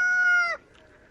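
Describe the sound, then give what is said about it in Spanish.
A voice imitates a rooster's crow: one loud, bright, sustained call lasting about half a second before breaking off abruptly, followed by quiet. “Al principio canta como gallo.”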